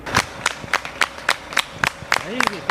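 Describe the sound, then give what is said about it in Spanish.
Steady rhythmic clapping in unison, a sharp clap roughly every quarter second, with a brief raised voice calling out near the end amid a busy outdoor crowd cheering soldiers in the street. “El ejército, vitoreado en ocasiones, va encapsulando grupos de ellos y guiándolos hacia la frontera.”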